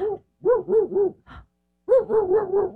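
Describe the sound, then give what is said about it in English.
A dog barks in quick, rhythmic bursts of deep, hooting woofs, two clusters separated by a short pause, fairly loud with no one talking. “There you go. Good job. There's the bark.”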